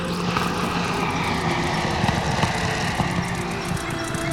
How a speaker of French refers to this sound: un sifflement lourd arrive tout droit du ciel. Henri lève les yeux. Quatre aéroplanes s'approchent de la terre.